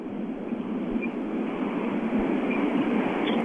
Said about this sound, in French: Je suis sur la highway. Ah, OK, ça fait du bruit.